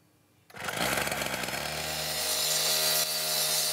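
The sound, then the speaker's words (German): A loud power tool, like a saw or cutter, roars to life after a brief quiet moment and keeps running steadily with a harsh, buzzing whine, at a construction site in Huchting, Bremen, Germany, where tram line 1 is being extended, at 9 a.m. with 30 °C in the sun. “Auf der Baustelle in Huchting, wo die Straßenbahnlinie 1 erweitert wird, drückt es schon um 9 Uhr morgens.”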